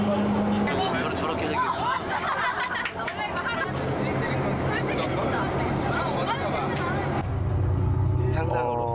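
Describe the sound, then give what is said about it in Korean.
Inside a bus moving in clear weather, carrying members of the Cheongsanri history expedition toward Baekdu Mountain, a steady low engine rumble fills the cabin while many passengers chatter and talk over one another in a busy, continuous babble. “맑은 날씨 속에 다시 버스로 이동 중.”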